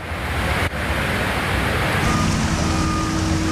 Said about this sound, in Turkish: Samsun'un Havza ilçesinde sağanak sonrası dereler taştı. Cadde ve sokaklar göle döndü. Şiddetli akan su araçları sürükledi, yayalar sele kapılmamak için mücadele etti.